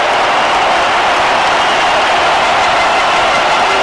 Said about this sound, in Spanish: Y el que sale del terreno de juego es Gilberto Mora. Me voy a callar mejor para que ustedes escuchen la ovación.